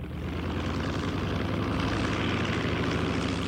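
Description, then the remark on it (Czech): An airplane bound for Africa taking off, its engines producing a loud, steady roar with a throbbing propeller drone that holds constant throughout, with no voices. “Letadlo se čtyřlístkem se vyhouplo nad mraky.”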